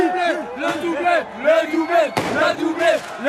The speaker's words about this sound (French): Entendez le chant des supporters de cette petite rue Raymond Losserand dans le 14e arrondissement. On est comme au stade.